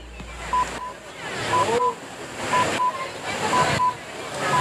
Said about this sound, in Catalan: senyals horaris de les 8 de la tarda.